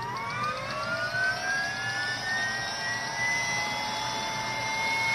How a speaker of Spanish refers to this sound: Sí, ahí un helicóptero está a punto de despegar.